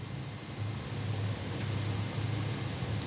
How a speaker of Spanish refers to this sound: Un carro escucho que está prendido por allá. ¿Dónde estará? No, allá, ahí va. Un camioncillo es.